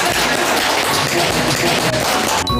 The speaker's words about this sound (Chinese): 是的嘛，这就很好嘛，鼓掌，来来来来来。